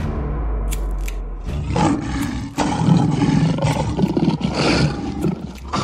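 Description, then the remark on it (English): A tiger roars loudly, a deep rumbling growl swelling into a long, ragged roar that keeps surging for several seconds with no voices. “So that night, they transformed into tigers.”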